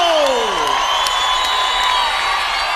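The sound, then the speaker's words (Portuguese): A concert crowd applauds and cheers loudly and steadily for the band a band at a show recorded for a DVD. It is a dense wash of clapping and shouts, with a gliding, falling whoop rising above it at the very start. “Vamos aplaudir o …!”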